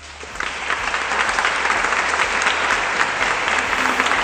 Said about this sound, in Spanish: Pues ahí está la ovación también de los miembros presentes en esa gala del Reconquista, en esa sala del Reconquista, mejor dicho.